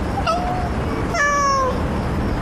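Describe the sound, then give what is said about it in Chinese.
A cat meows twice, a short call followed by a louder, drawn-out one, with no talking and only a faint steady background hiss. “我说那只猫”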